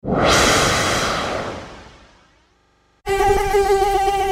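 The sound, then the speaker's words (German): A broad whooshing rush fades into near silence, then a loud, high-pitched mosquito whine cuts in abruptly and holds steady to the end. “Jetzt hat mich schon wieder eine Mücke erwischt!”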